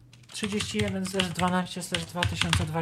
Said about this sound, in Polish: Po prostu musimy myszką kliknąć na to pole i wpisać datę.